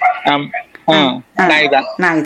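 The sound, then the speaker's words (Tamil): A dog barks four times in quick succession around a house, loud, each bark a short harsh burst with brief pauses between. “இல்ல, நாய் குளிக்குது எங்கால எனக்கு கேக்குது.”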